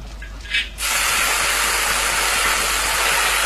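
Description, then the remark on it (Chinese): A quiet hum gives way, after a brief clatter, to a loud, steady sizzle as tea leaves are put into a pot of hot oil while making oil tea, a dense crackling hiss that continues unbroken to the end. “茶叶入锅，沉睡半年的清香被热油激发出来，成为油茶香味的基底。”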